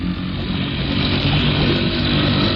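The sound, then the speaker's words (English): The outboard motor of a boat drones steadily and loudly throughout as the throttle is opened, a continuous buzzing engine roar with a low throbbing rhythm and no pauses. “I'll give her the gun a little and then pull up the motor so we don't foul the propeller”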